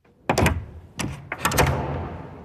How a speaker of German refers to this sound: Die Tür, die zuerst krachend ist zugeschlagen wurde, geht jetzt wieder ein Spältchen auf.